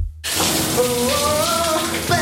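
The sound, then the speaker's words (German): Water starts abruptly and runs steadily in a new shower, a loud, hissing spray that fills the whole clip, with a faint wordless voice briefly singing along over the rushing water. “Laut in der neuen Dusche singen?”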